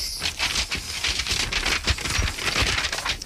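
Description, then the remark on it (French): Continuous crinkling and rustling of the paper sheets of an autopsy report being shuffled and handled, with irregular crisp bursts and no voices. “Vous avez du mal avec les papiers, vous voulez de l'aide ?”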